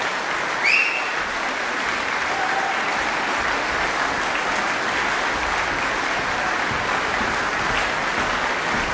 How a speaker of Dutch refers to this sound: Het kwartet gaat weer af. Ik heb de vraag of het publiek nog door blijft klappen en wenst voor meer. Een enkeling wel, maar zo te horen.